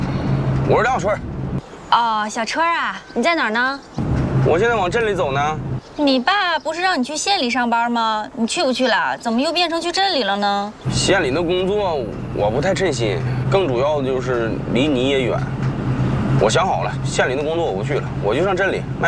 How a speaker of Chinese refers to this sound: 那行了，我不跟你说了，我开车呢。